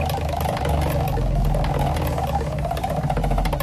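A prize wheel spins for an instant birthday prize, then slows and lands on number 5, its pointer ticking off a rapid, steady stream of sharp clicks over a continuous low rumble, with no voices.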